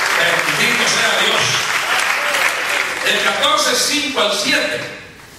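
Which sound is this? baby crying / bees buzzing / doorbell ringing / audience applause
audience applause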